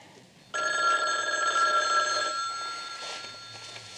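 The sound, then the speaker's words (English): After a brief quiet moment, a telephone bell in an office bursts into a steady, continuous ring that carries on loudly and unbroken to the end, with no one speaking. “Phone. Over in the office.”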